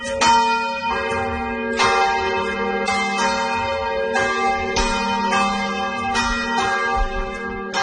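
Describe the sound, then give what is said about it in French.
A church bell rings repeatedly through the whole night in a steady rhythm, each loud strike blooming into a long, shimmering hum that overlaps the next, with no voices present. “Là, la nouvelle étonnante du jour, bon, ce son de cloche, rien d'étonnant, mais l'entendre comme ça toute la nuit, c'est un peu fatigant.”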